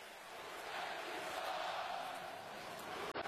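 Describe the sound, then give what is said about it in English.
A dense, sustained roar of a large stadium crowd at a football game, loud and steady throughout, with a broad wash of many voices and no single speaker standing out, briefly dipping near the end. The crowd noise causes the offense's false start before the snap on third down. “Before the snap, false start. Number one offense. 5-yard penalty. Third down. First crowd impact of the day.”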